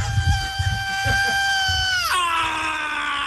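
A live thrash metal song opens with a loud, piercing high scream held steadily for about two seconds, then plunging abruptly to a lower pitch, with a rumbling crowd underneath.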